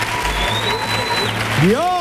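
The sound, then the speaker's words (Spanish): A burst of steady, dense applause for the people from Torresol, who gifted two armchairs, lasts from start to finish, with a voice calling out over the clapping near the end. “El aplauso para la gente de Torresol.”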